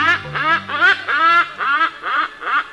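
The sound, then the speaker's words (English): A hornbill calls in a loud series of about seven harsh, nasal honks, evenly spaced in a steady rhythm with no voices present. “Take comfort in the bird that does it year after year, the hornbill.”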